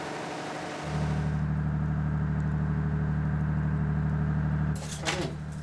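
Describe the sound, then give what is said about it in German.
An emergency diesel generator in a residential building kicks in abruptly, settling into a loud, steady, low droning hum with a throbbing rumble that runs for several seconds before a short rustling burst near the end. “Das Anschalten des Notdiesels ist auch im Foyer nicht unbemerkt geblieben.”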